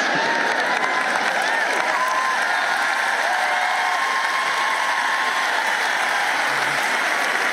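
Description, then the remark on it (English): Steady, dense applause from an audience, a continuous wash of many hands clapping at an even loudness for several seconds with a faint murmur of crowd voices mixed in. “Yeah, well, you might not clap if you were in the gym with me and walking with me and doing all this stuff.”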